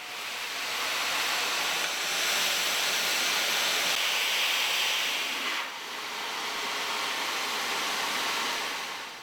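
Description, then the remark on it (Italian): A steady, loud rushing hiss of steam flowing into the cooling system of a mountain pine oil distillation, where the steam condenses, continuous throughout with a brief dip partway, no voices present. “Dopo 8 ore, il vapore viene convogliato nel sistema di raffreddamento dove si condensa.”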